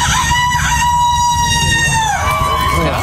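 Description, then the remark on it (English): A man competing in a rooster crowing contest imitates a rooster crowing: one loud, drawn-out crow that wavers in pitch and dips near the end, with a low rumble of background noise underneath. “I grew up in a small town, and this is exactly the type of thing that would go on a rooster crowing contest.”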